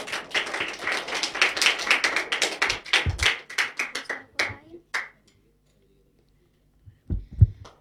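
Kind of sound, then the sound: crowd, audience clapping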